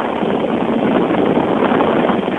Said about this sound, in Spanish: Y aquí estoy cerca de ese ventilador. Usted cuando escucha, créame, ¿qué precio le pondría? Porque el viento que emana de este ventilador es muy fuerte, es muy intenso, es muy potente. ¡Chéquelo!